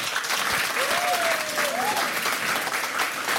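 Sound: audience applause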